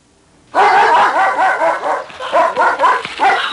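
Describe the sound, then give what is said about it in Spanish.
A dog named Bravo León barks in a quick, continuous series of sharp, loud yaps, the barks running together with brief rises and dips in energy and no talking. “Cuando la joven cumplió 21 años, su anciano padre le regaló un perro, al que por nombre ella le puso Bravo León.”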